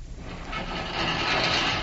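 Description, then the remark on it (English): A heavy stone slab of an altar grinds and scrapes as it pivots aside, a continuous low, rough rasp that swells louder partway through and keeps dragging to the end, with no voices. “The entire stone pivots aside.”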